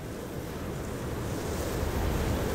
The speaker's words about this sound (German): Wenn man sich die Zeit nimmt, lauscht, sich auf die Töne und Klänge der Natur einlässt, hört man das Meer atmen. Ebbe und Flut geben den Rhythmus vor. Mensch und Tier folgen.